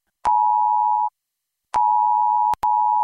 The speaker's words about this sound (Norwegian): Hei, dette en viktig melding fra politiet og sivilforsvaret. I dag klokken 12 testes nødvarsel på mobil.